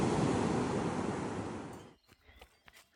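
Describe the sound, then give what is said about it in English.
A loud wash of ocean surf at the beach in Santa Monica roars for about two seconds, then cuts away to quieter, scattered splashes and wind buffeting against the microphone, as a runner cools off in the ocean after a run. “Now best part of running on the beach, I get to cool off in the ocean.”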